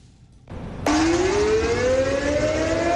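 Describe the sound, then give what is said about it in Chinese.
An air raid siren test at 10 a.m., sounded simultaneously across a Chinese province to mark the anniversary of the outbreak of the War of Resistance against Japan, starts up sharply and holds a loud, sustained wail whose pitch climbs slowly and steadily, over a constant wash of background noise with no talking. “上午10点，防空警报示鸣在全省各地同步进行，提醒人们居安思危，勿忘国耻。”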